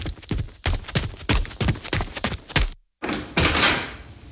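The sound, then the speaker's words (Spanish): A run of heavy thuds in an uneven rhythm as boxes are set down one after another near a door, then a short silence and a soft rushing, shuffling noise. “Cuidado con esas cajas. Colóquenlas allí cerca de la puerta y dejen de hacer ruido.”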